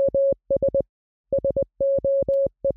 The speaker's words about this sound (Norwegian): Hvis du skal sende et SOS-signal med morse, så høres det sånn her ut.